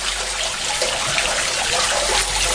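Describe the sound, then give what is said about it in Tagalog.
Water trickles and splashes steadily into a drain, a continuous flow with a bright, bubbly hiss and no voices or other sounds. “Ang mga kanal nga naa sa atong kadalanan, maoy hagbongan sa tubig, mauwan man o ang atong mga ginamit nga tubig sa kabalayan.”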